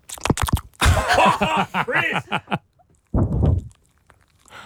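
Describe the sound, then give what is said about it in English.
A dog sleeping on a Snuggle fur bed makes a run of snuffles and rising, wavering groans, followed after a short pause by a loud breathy snort. Fairly loud, with no talking. “It's my dog sleeping, by the way.”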